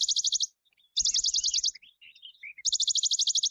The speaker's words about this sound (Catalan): Mosquiter pàl·lid, Piloscopus bonelli. Ocell estival que trobem d'abril a octubre als boscos.